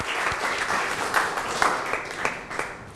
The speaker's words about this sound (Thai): ผู้ครูขอเสียงปรบมือให้กับนักเรียนทุกคนอีกครั้งหนึ่งค่ะ